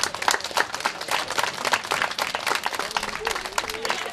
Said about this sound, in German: Neben kleinen Geschenken gab es vor allem von den Kindern viel Applaus.